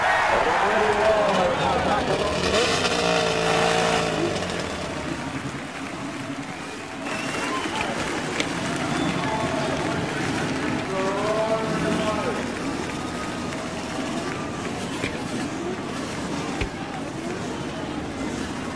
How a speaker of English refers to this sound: The roar of over 25,000 horsepower builds from the main straightaway. The crews begin to move away. The men actually remaining with their cars, raising their hands to indicate that they are started.